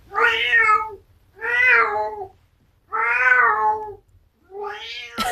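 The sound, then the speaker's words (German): Teifi, a 19-year-old tomcat from Eppstein, meows four times in a slow, steady sequence, each call long, drawn-out and a little hoarse, clear with short pauses between; no one speaks. “Das ist Kater Teifi. Stolze 19 Jahre ist Teifi schon alt.”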